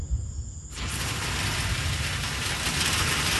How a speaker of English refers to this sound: All right, here's the rain. Woo. It is coming down like crazy. Holy moly. Wow.